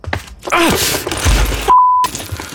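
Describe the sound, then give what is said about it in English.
A parent walking across a toy-filled living room for a glass of water steps on toys: a sharp pained groan as something crunches and clatters underfoot, then a heavy thud and a steady electronic beep like a squashed toy, fairly loud. “Of a parent walking across their toy-filled living room for a glass of water.”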